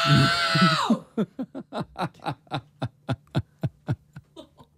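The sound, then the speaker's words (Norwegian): A person lets out one long, full-force shout of "No!" lasting about a second, shouting as loudly as possible in a world-record loudness attempt measured in decibels, followed by a quick, evenly spaced run of short breathy bursts, like panting or stifled laughter. “Det er bare å trekke pusten og rope ut.”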